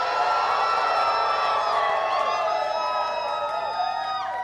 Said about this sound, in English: So on the count of three, scream your lungs out. 1, 2, 3. Let's go.